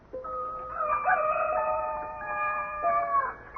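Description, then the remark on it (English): A rooster crows once in a long, drawn-out, raucous cock-a-doodle-doo lasting about three seconds, clear and far off, with a faint background hiss and no voices. “Oh, I struggled back from layers deep, beckoned by a rooster somewhere, doing his thing.”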